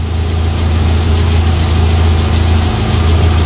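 A car engine idles steadily in the rain, a low continuous rumble with a faint vibrating hum and no voices, holding at an even level throughout.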